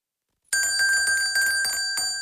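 A small bell jingles as someone enters the pharmacy museum on Richard Wagner Street in Riga, a rapid, bright tinkling burst after a moment of silence, its high metallic ring shimmering and repeating several times before starting to fade.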